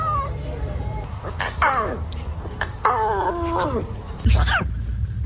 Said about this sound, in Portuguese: Isto são sons de leões bebés a tentarem rugir e não conseguem.